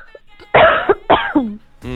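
Two loud, deliberate coughs in quick succession, put on as an imitation of a sick cough, each a harsh burst trailing into a rough, throaty rasp, with nothing else around them.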